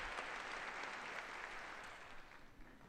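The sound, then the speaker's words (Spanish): Sustained applause from a large audience of UNESCO members welcoming Pope Leo XIV on his visit, at least three to four minutes of uninterrupted clapping; a dense, steady wash that holds constant throughout and thins slightly toward the end, with no voices standing out. “Santo Padre, claramente emocionado, acoge el saludo de todos los miembros de esta organización, que al menos 3-4 minutos de aplausos ininterrumpidos, aplausos de acogida al Santo Padre por esta visita.”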